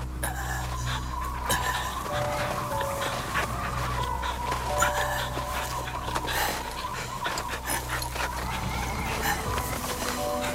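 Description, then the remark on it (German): A female dog pants steadily and gives a few high, thin whimpers in dense woods on a winter day, over a constant low rumbling background with no one speaking. “So machte sich mein Gebieter an diesem Wintertag des Jahres 1845, nur von seiner treuen Hündin begleitet, in die dichten Wälder auf.”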